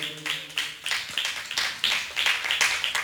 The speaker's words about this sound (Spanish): Dele palmas al Señor, hermanos, gloria a Dios.